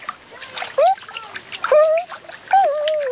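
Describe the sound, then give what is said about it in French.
Water splashes and dribbles in quick, uneven bursts as Toudou does the dog paddle in a warm paddling pool, with a few high, squeaky sliding calls rising over the splashing. “Et maintenant, il fait la nage du petit chien.”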